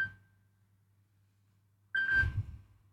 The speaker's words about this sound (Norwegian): Det ringer, det ringer. Hør, hvem kan det være? Hallo?